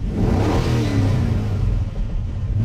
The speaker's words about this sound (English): I mean, it sounds like a car. Okay, that's not the real sound. They haven't released what the real sound is yet.